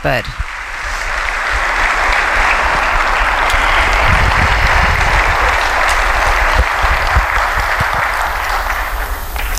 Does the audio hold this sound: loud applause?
yes